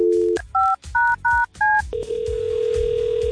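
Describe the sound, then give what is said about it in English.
Four quick touch-tone beeps from a phone keypad, evenly spaced and clear, dialing a phone call on radio station 94.7 WLS, then a steady continuous line tone that holds to the end, with no one talking. “Okay, we've got a very important phone call to make.”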